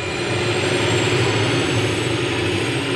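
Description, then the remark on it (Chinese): A steady, loud roar of a bomber's propeller engine as the propellers spin up fast and the plane moves onto the runway, a dense continuous drone with no pauses and no voices. “轰炸机的螺旋桨飞快转起来，藤原刚熟练地操作着轰炸机，很快飞机进入了跑道。”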